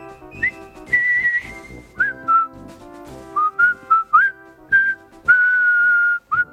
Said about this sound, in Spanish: Pero no suena igual, ¿verdad? Porque lo que estamos acostumbrados, y hemos visto la maravillosa película El puente sobre el río Kwai, es el silbido.